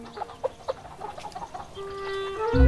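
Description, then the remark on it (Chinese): Several chickens cluck in short, irregular bursts, followed by a rising drawn-out squawk that grows louder at the end. “这鸡缺了不少，肯定闹黄皮子了。”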